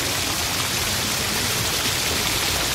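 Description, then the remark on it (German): Steady rain falls throughout, a dense hiss of countless drops pattering on a surface, even in loudness from start to finish with no voices. “Plötzlich kam ein Maikäfer, der auch in den Regen geraten war.”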